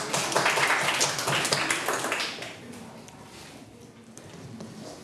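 A classroom of students claps together in a dense, rattling burst that stays loud for about two seconds, then thins out and fades into quieter scattered noise.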